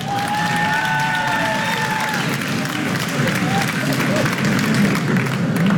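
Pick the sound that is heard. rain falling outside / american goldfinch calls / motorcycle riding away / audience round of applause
audience round of applause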